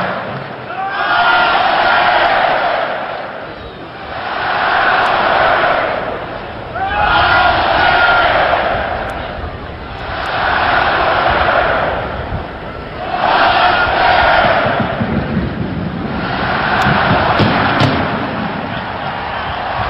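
A massive Nebraska college football stadium crowd roars the Husker power chant in unison before Nebraska's Tunnel Walk, the loud collective shout rising and falling in steady waves about every three seconds, six surges in all.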